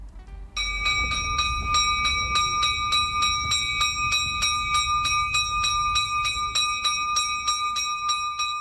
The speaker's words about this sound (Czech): Udara zvono na crkvi Svete Nedelje pod Prizrenskom, pod Kaljajom. Poziva na liturgiju.